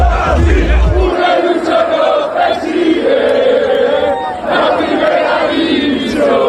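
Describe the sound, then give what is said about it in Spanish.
A large crowd in Santander, Cantabria, chants and cheers in loud, sustained unison, celebrating Real Racing Club de Santander's promotion to the first division, voices rising and falling in rhythmic waves of celebration, with a low thump at the start. “La ciudad celebra el ascenso a primera de su equipo, el Real Racing Club de Santander.”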